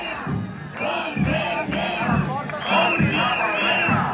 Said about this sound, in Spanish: Por cierto, mientras se producía esa reunión, al filo de la una ha llegado a las puertas de la Consellería una nueva manifestación masiva del profesorado que ha partido del centro de Valencia. Manifestantes que pedían que se les abriera la puerta.